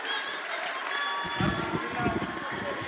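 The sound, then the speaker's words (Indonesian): An audience claps and cheers for MAN 1 Mataram in a dense, steady wash of noise that grows fuller and heavier about halfway through, continuing without a break to the end. “Tepuk tangan untuk Man Satu Mataram.”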